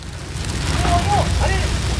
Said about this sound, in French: Les flammes crépitaient autour d'elle.